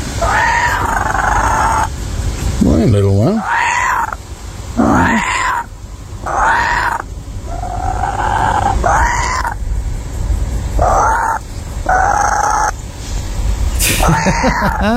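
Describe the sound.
A couple of kookaburras in a video call and chatter in a loud run of repeated, rising-and-falling hoots and cackles that carry on for the whole stretch, with a person briefly speaking a greeting early on.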